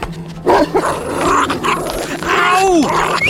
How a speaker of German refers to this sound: Doch der Hund holte rasch auf und biss sich in seinem Bein fest.